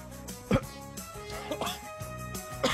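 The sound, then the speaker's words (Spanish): Three short, harsh coughs, roughly a second apart, burst out over a steady musical background as a person speaking live on air struggles to clear their throat. “Ay, perdón, estoy en vivo, Ay, güey, la ando haciendo de tos.”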